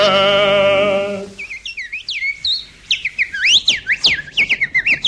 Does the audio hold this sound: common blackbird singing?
yes